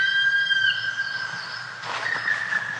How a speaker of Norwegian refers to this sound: Foruten at du kanskje har hørt den som er dagens fogel, svart spett. Jeg sa det at den gir mange gode følelser, i hvert fall i mine, holdt på å si, små grå tanker. Så er det noe som skjer med meg når jeg hører den her svart spett.